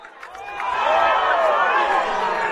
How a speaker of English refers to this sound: Lancaster's crowd oohing and aahing because you have the quarterback